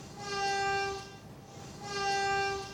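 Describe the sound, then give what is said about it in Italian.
Two long, loud train whistle blasts sound one after another at Bologna railway station in Italy, during a commemoration of the victims of the 2 August 1980 massacre, with a brief pause between them, each steady and held for about a second over a faint outdoor background. “I fischi del treno, il minuto di silenzio, la commozione delle tantissime persone giunte nel piazzale della stazione di Bologna.”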